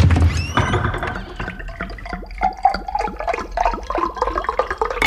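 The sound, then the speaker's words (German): Water runs from a kitchen tap as the little king fetches water from the kitchen, splashing and gurgling with bubbly, rising tones as it fills a vessel, steady and fairly loud for several seconds with no talking. “Ausgelassen hüpft der kleine König aus dem Bett und holt Wasser aus der Küche.”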